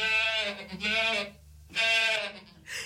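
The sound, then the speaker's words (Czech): A goat bleats loudly, several wavering, nasal cries in quick succession with short pauses between them, and no voices or other sounds around them. “Kozičku, a to jsi dobře vyměnil.”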